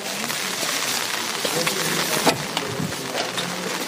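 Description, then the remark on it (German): Steady rain hisses throughout, a dense even wash of patter with a few sharper drips standing out, including a louder splash near the middle. Faint murmuring voices sit underneath. “Aber wir sind jetzt hier und es ist aber noch nichts weiter zu hören außer Regen.”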